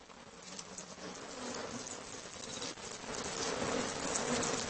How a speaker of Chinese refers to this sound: 黄蜂巢，动物建筑界杰作。